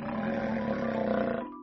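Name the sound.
lion roaring loudly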